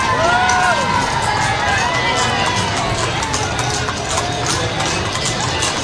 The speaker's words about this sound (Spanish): Siguen a su paso en caballo. Me encanta cómo se miran también las chicas en el caballo. Cómo lo dominan.